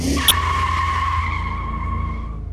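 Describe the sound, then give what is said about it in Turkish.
A car's tyre screeches in a sustained, high-pitched squeal as the clutch is dropped at 6000 rpm in a parking lot and only one wheel spins, over a loud, steady engine roar that holds for a couple of seconds before easing. “yani debriyajı bırakıp tekerlere spin attırıp attıramadığımı görelim.”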